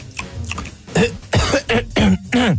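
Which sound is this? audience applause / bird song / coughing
coughing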